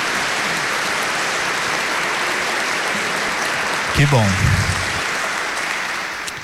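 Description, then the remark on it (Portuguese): Steady, dense applause from a crowd at a parish assembly, given to the former catechists standing up, fills the whole clip, with a voice briefly speaking over it partway through before the clapping gradually thins toward the end. “Uma salva de palmas também a eles, né?”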